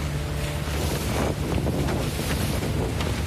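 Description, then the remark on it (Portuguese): Steady rushing wind and water noise fill the scene, with a low continuous engine-like hum and gusts buffeting the microphone, as a sailboat leaves Leopold Bay at 4:30 in the morning on 2 September, bound for Arctic Bay 130 miles away, in light wind so far. No voices. “Saindo de Leopold Bay, dia 2 de setembro, 4:30 da manhã.”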